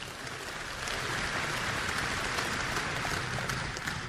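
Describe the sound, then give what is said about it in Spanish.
A crowd applauds for the Lord, many hands clapping together in a dense, loud, even wash of sound that holds for about four seconds, with no voices over it. “Y eso merece un aplausote para el Señor.”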